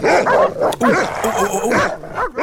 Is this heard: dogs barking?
yes